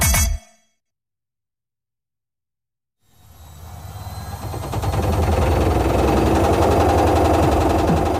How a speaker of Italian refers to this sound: Ora con quella vecchia lavatrice che balla il tip tap, è ora di cambiare musica.